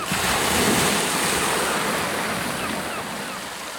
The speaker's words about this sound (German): Du hast die Geräusche des Windes, du hast die Geräusche des Meeres, das Knacken des Bootes, oder? Und du hast so viel Himmel über dir, ja?